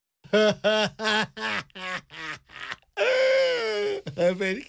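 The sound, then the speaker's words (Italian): A voice cries loudly: a quick run of choppy, sobbing bursts gives way to a long, drawn-out wail, then breaks back into short sobs at the end. “… piange e questa è sempre una cosa buona.”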